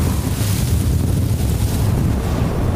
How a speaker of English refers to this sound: we've been experiencing the Gobi winds. It's been gusting up to 70 miles an hour all night, and the temps have probably been down to almost negative 50 with the wind chill.